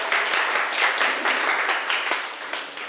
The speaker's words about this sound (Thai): เชิญค่ะปรบมือให้เพื่อนหน่อย